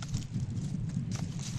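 A female herd of ibex goats on the move over rocky ground in the Tian Shan mountains: hooves clatter and scuff, with scattered, irregular steps over a steady low rumble, fairly faint.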